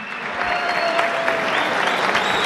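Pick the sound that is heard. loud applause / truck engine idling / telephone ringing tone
loud applause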